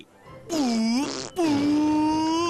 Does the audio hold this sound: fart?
yes